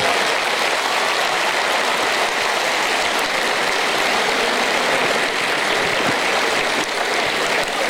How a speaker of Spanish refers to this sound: Fuerte, fuerte el aplauso para él.